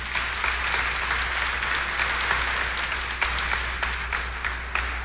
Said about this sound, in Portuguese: Nossa Senhora merece uma salva de palmas.